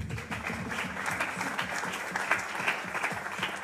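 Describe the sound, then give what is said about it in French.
An audience applauds steadily for a few seconds, a dense, even wash of many hands clapping at moderate loudness with no voices rising above it. “Je propose qu'on applaudisse l'enthousiasme.”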